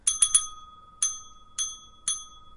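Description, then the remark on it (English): A small, bright bell dings three times in quick succession, then three more times at slower, evenly spaced intervals, ringing SOS in Morse code, each ring clear with a short lingering tone. No one speaks. “Ring that bell. Oh. Do it in Morse code.”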